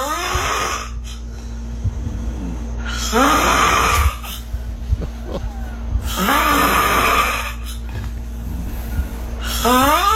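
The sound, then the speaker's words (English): A sleeping person snores loudly in rasping, heavy bursts about every three seconds, each a harsh, gurgling inhale with strained, choking breaths between them, unaccompanied by talk. “There's this video going around, and they say, is this sleep apnea snoring, or is this person possessed by the devil?”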